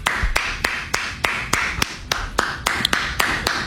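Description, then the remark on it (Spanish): Someone claps their hands for having been wrong, about fourteen sharp, crisp claps in a steady rhythm at a brisk pace of three or four per second, over a low background hum, with no talking. “si vas a aplaudir cada que te equivoques, te vas a esas manos las vas a quedar con sangre.”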